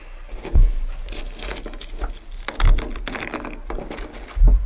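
A frozen plane-tree leaf is peeled off the roof of a car in Campos do Jordão, where water froze into an ice crust in the cold. It sounds as steady crisp crackling and scratching, broken by three soft thumps, and the leaf tears. No one speaks.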